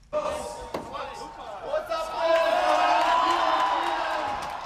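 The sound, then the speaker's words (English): A large crowd at Germany's Oktoberfest in Munich roars and cheers after a sharp hammer strike as Munich's mayor Dominik Krause taps the first beer keg, the noise swelling into sustained shouting and whooping that fills the space. “Munich's mayor Dominik Krause performed the traditional hammer strikes to open the first keg after first asking the crowd whether they were thirsty.”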